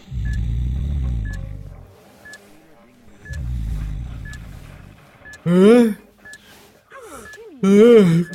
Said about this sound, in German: Was ist das für ein heftiges Gepiepe? Wo kommt das her? Aus dem Schlafsack. Warum zum Teufel? Diese Fußfessel macht so einen Krach. Aber ich habe sie doch gar nicht berührt oder versucht abzumachen. Oh, was für ein Krach.